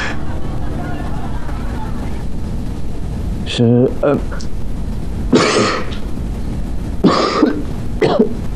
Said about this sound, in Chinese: 我朋友咳嗽咳得厉害，还咳出血了，多久了？ 已经有一段日子了